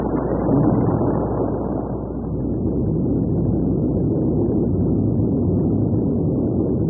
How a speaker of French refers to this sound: Alors j'en avais un pot, ces bruits d'explosions nucléaires simulées. Fort heureusement, jamais les habitants de la région du Luberon n'ont eu à les écouter.